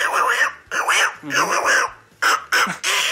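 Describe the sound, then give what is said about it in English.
A person imitates Little Quacker, a small cartoon duckling, making a run of nasal, squawky quacking bursts with short gaps between them, loud and close to the microphone. “That's Little Quacker.”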